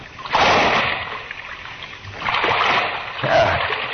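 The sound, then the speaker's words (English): A person drops down into waist-deep water, a heavy splash followed by two more sloshing bursts as the body moves through it, with no talking. “Water's well, not so deep. It's only up to my waist.”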